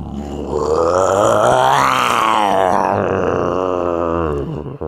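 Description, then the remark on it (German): A man gives a long, loud, growling roar in imitation of a lion, a single sustained vocal rumble that swells in pitch midway and then fades out at the end. “Kannst du einen Löwen nachmachen?”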